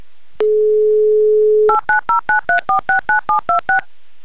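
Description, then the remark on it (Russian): A steady telephone dial tone hums for about a second, then eleven quick touch-tone beeps follow in an even, rapid rhythm as a mobile phone number is dialed, loud with no voices. “Так, Ильшат, попробуем до вас дозвониться еще раз.”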